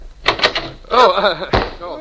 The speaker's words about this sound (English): Shh. Somebody is listening at the door. I'm going to open it up real quick.